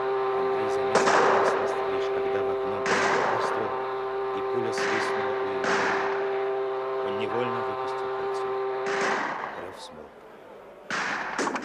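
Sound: gunshot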